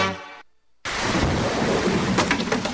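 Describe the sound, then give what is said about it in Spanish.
A brief tonal note fades into a short silence, then heavy rain bursts in as a loud, steady hiss with deep rumbling thunder rolling underneath. “Se viene la época de lluvias y sabemos que los papeles, botellas o desechos lanzados a la calle pueden tapar los sumideros y causar inundaciones.”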